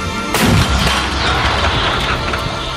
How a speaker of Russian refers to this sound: Орудие! Выстрел!